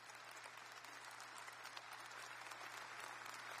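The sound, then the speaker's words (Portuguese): A church audience applauds the Bible reading just read, a dense wash of many hands clapping at once, sustained and fairly loud throughout with no voices rising above it. “Veja a sua Bíblia, vamos aplaudir a palavra? Bem forte.”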